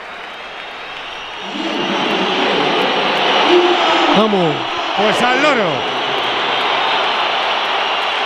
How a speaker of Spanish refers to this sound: Ha quedado claro. La pitada es considerable. El personal en la grada le hace gestos. Mbappé ya no se ríe tanto.